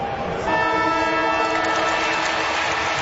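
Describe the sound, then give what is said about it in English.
A stadium's final siren sounds at the end of the St Kilda versus North Melbourne match, won by St Kilda: one long, steady, harmonic blast that starts after half a second and holds at a constant pitch and loudness over a dense wash of crowd noise. “Siren time in a moment.”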